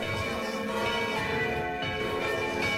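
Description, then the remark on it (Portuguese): A bell chimes steadily and loudly, its resonant overlapping tones ringing out continuously without a break, with no voices present; it marks the 12:57 time check on Rádio Tropical.net. “Badalou, badalou.”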